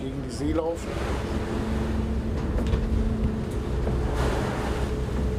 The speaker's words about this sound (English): It's going to be a bit rough, because we're picking up speed and heading into the waves.